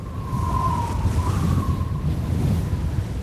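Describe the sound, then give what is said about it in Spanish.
A thin, steady whistle of wind through house windows wavers slightly in pitch over a constant, loud roar of gusting wind, with no voices. “Es como que hace ruido en las ventanas de mi casa, no sé, un silbido raro ahí para allá.”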